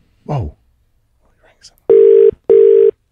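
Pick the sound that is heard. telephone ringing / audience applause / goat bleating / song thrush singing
telephone ringing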